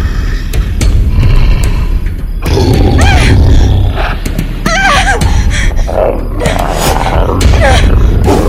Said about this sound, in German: Dafür ließ ein Brüllen sie nun herumfahren.